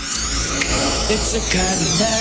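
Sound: buzzer sounding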